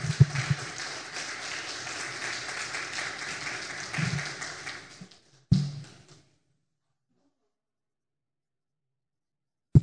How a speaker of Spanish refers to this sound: Un aplauso fuerte al Señor, por favor. Fuerte.